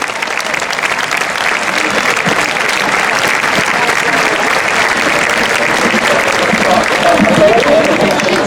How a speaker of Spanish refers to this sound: Con todos vosotros, y demos un fuerte aplauso al grupo ….